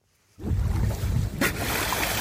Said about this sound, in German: Aufnahmen von einem Segelboot vor der dänischen Küste. Was hier zu hören ist, sind Schweinswale. Sie springen aus dem Wasser, erinnern an Delfine Und genau wie Delfine gehören sie zu den Zahnwalen.